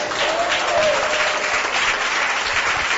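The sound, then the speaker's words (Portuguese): Steady, loud applause from an audience at an IPDA church, given for Jesus: a dense crackle of many hands clapping at once that holds evenly throughout without pause or speech. “E eu agradeço a oportunidade, as palmas são para Jesus.”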